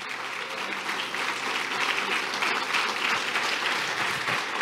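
A crowd applauds steadily, a dense wash of many hands clapping at an even, fairly loud level that holds throughout without pauses or voices.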